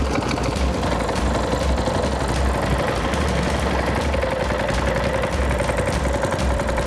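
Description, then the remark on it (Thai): A boat engine drones steadily on a river in high water, a continuous low mechanical rumble with a fast rhythmic chug and no voices, as the boat heads out to set Lao fishing hooks. “วันนี้จะไปใส่เบ็ดลาว ลุงดอนคนนี้พาเราออกเรือไปวางเบ็ดลาวนะครับ”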